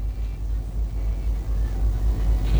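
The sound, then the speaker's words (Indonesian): Continuous low rumble of busy but smoothly flowing morning road traffic at the Simpang Lumba-Lumba intersection by Trisakti Port, Banjarmasin, South Kalimantan, Indonesia, with engines droning steadily and occasional swells as vehicles pass, no voices, a busy flow of cars without pauses. “Dapat kita saksikan bersama situasi arus lalu lintas di Simpang Lumba-Lumba Pelabuhan Trisakti Kota Banjarmasin terpantau cukup ramai, namun tetap lancar di semua arahnya.”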